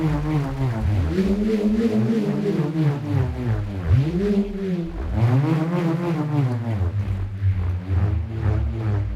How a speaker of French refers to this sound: Il y avait aussi certainement des aérophones, c'est-à-dire des instruments qui fonctionnent en friction avec l'air. Le rhombe, par exemple, est un petit morceau de bois fixé à une corde qui vrombit lorsqu'on le fait tourner dans les airs.